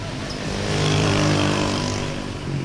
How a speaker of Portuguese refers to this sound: Regresso a Caracas. É fim de tarde e há muito trânsito.